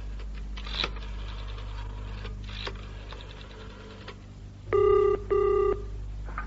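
signal or alarm, telephone dialing and ringing

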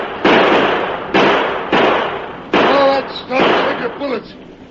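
impact, gunshots

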